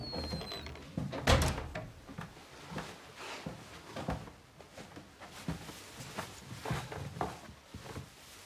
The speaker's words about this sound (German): Mama, kannst du bitte die Tür zumachen?